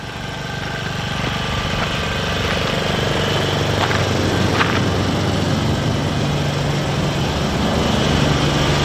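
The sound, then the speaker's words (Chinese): A steady mechanical drone of a ventilation fan running continuously in an exploratory tunnel at the site of the future Yagen No. 1 hydropower station, loud, with a deep rumbling hum and a few faint clicks partway through, no voices. “里边还在通风，里边。”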